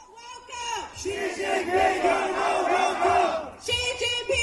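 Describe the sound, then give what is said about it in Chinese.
A crowd of protesters outside the south fence of the White House shouts loudly and continuously in unison through loudspeakers, the amplified chanting rising and falling in rhythmic bursts, with a brief dip before the shouting resumes. “那这次呢，在昨天民众可以在白宫的栅栏外直接抗议，是南边的哈。那么用高音喇叭呢，大家听得见吗？”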